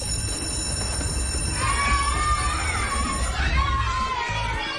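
A school bell rings steadily for a few seconds, the first bell on the first day of school, while a crowd of children cheers and shouts in the background, the noisy chatter filling the whole moment.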